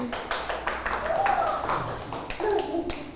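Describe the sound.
A group of children clapping in applause, a steady patter of many small hands, with young voices chattering over it.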